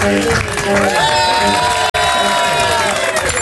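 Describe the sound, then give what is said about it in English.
An applause-and-cheering sound effect: a loud crowd cheers and whoops continuously with applause mixed in, many voices shouting at once. A very brief dropout cuts the roar near the middle before it resumes at full volume. “Inappropriate begging for applause response.”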